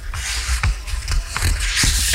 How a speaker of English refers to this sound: What the hell is that? What is that? That is theoretically turning the page in a book. What book is that? The Oxford Dictionary? The Magna Carta.